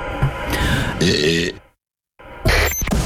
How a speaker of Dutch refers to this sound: Oké, iemand heeft geboerd. Het is een bekende Nederlander. Maar wie, oh wie, oh wie is het?